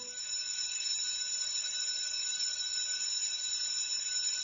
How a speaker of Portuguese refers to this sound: A diretora foi até o sino da escola e bateu.